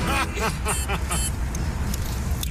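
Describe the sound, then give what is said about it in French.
A Daimler Dart sports car's V8 engine runs with a steady, loud low rumble throughout as the car is driven, while a voice talks briefly over it at the start. “Je conduis une Daimler Dart.”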